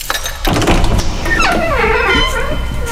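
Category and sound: household object, door opening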